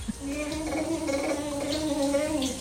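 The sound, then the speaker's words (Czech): A young boy in a family bathroom imitates a motorbike with a sustained, vibrating gargle, a buzzing, wavering tone that rises and falls slightly over nearly three seconds, fairly loud and steady, recorded on a mobile phone. “Jede motorka.”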